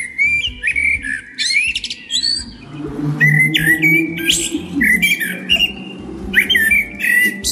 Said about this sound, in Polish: Jeżeli chodzi o konkrety, najbardziej podobał się śpiew kosa.